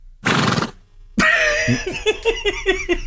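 A horse snorts with a short breathy blast, then after a brief pause lets out a loud neigh, a shrill whinny that shakes and wavers down in pitch across several quick pulses.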